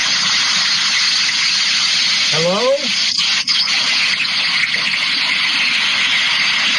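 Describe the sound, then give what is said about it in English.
Heavy pouring rain roars steadily as a loud, unbroken wash of noise throughout, with one person briefly speaking partway through. “It's raining and pouring. We can hear it like it's a toilet flushing.”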